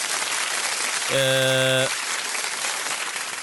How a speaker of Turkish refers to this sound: Alkışlar arılar için gelsin, gülmede o zaman bizim espriye gelsin diyelim.